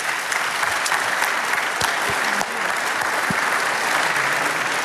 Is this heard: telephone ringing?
no